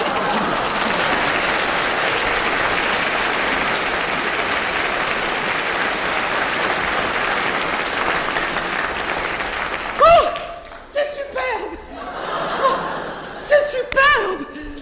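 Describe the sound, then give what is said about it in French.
A crowd of local people claps in steady, dense applause for about ten seconds as someone is brought back up to the water's surface, then it gives way to excited voices calling out. “Enfin, bref, il m'empoigne par le bras, me ramène à la surface, aux applaudissements de la population...”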